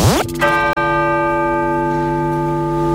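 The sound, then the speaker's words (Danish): A loud bell strikes and rings on, its rich metallic tones humming and slowly fading for several seconds, church bells sounding while the church is otherwise silent, with no voices present. “Det er nemlig det, der sker undervejs, mens der ellers er stillhed i kirken, og klokkerne lyder.”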